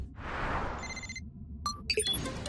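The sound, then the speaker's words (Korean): A whooshing swell gives way to a short burst of bright electronic ringing tones, then a few chiming beeps, like an incoming phone call signal, clear with no talking. It is an incoming call in the Super Wings cartoon, placed from the Sahara Desert in Egypt. “슈퍼패트한테서 전화가 온 거야?”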